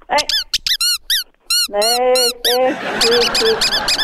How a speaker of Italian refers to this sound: Ma vaffanculo, guarda. Ha sentito che bomba che mi è uscita dal culo? Sì, ho sentito, guarda.